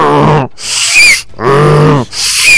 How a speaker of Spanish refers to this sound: ¿Cómo hace un burro?